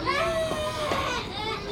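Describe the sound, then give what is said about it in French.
A very small boy at the bottom of a playground slide cries in a steady, wavering wail with rising and falling pitch, moderately loud, continuing throughout without any talking. “On dirait que quelqu'un pleure.”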